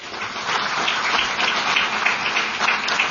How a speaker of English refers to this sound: All right, congratulations. Big round of applause for Firefly.